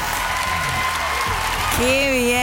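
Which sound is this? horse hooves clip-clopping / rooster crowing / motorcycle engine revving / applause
applause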